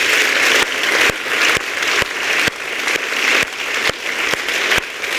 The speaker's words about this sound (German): Dafür holen wir natürlich nochmal alle Poetinnen und Poeten dieser zweiten Runde auf die Bühne unter tosendem Applaus.